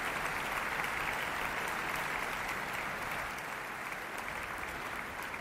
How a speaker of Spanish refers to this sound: Ludovic Morlot agradece los aplausos saludando desde el podio.